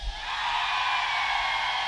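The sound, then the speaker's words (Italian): A live audience in Minervino, Italy, roars with sustained cheering and shouting during a Radio Studio Più broadcast, a dense, steady wash of many voices that holds at a loud, even level for about two seconds. “Tutta l'Italia ci sta ascoltando, possiamo far sentire il calore del pubblico di Minervino al mio 3?”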